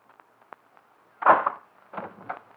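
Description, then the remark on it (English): Three heavy, booming knocks on a door, the first loudest, with a pause before the last two come close together. A few faint ticks are heard before them, and no one speaks. “Shall I knock now?”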